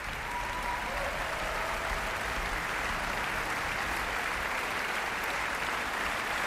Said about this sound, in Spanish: Y aplausos también muy destacados para toda la sección de cuerda, encabezada por el concertino Igor Grubman, también la solista de segundos violines Alexandra Presaizen, solista de violas Vladimir Percevic, y toda la sección de violonchelos